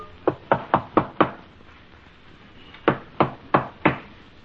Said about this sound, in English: Yes, who is knocking, please?